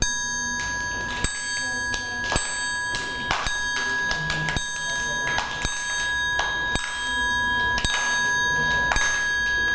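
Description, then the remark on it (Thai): A metal triangle is struck by a teacher as a rhythm guide for children, at a slow, steady pace, about once a second, each hit ringing out bright and sustained so the shimmering tone carries continuously between strikes. “นี่นะคะก็คือระฆังเหล็กสามเหลี่ยมนะคะวันนี้ครูหญิงจะใช้ระฆังเหล็กสามเหลี่ยมเป็นเครื่องให้จังหวะนะคะ”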